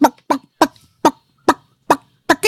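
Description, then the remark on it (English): A person imitates a clucking chicken with a quick series of about eight sharp, loud clucks in a steady rhythm. No speech is heard. “How am I going with the sound effects?”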